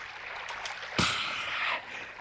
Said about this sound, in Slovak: Našťastie začul na blízku hrkotať jarček. A chlipol si z neho. Čiže si vodička dobrá?